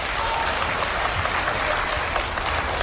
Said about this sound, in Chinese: 各位别客气，您都是见证人，鼓鼓掌